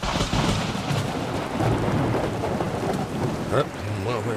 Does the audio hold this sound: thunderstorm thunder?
yes